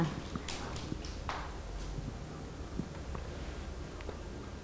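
A group of children clapping their hands, a loose, uneven patter of sharp claps spread over a few seconds, heard from a short distance against a soft room background.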